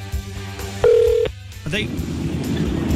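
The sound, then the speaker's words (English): A phone line rings out as a call is placed to a player who just played a game, with a single steady electronic tone lasting about half a second against low background hum, followed by a burst of hissy line noise. “So you don't have to answer your phone.”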